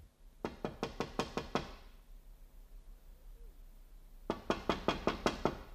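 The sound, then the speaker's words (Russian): Two quick series of sharp knocks on a lit window at night, about seven raps each, separated by a few seconds of quiet. The knocking is crisp, with no voices. “Тогда я постучала в освещенное окно.”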